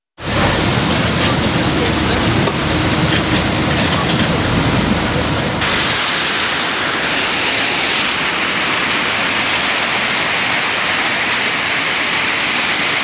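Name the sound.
rushing floodwater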